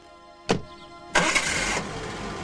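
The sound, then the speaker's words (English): A car door shuts with a brief thump, then a Jaguar's engine cranks and catches with a loud burst, settling into a steady running rumble as the car drives away. No one speaks. “He closes the door and drives away, his briefcase still sitting on the roof of the car.”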